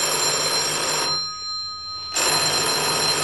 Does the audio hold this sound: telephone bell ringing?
yes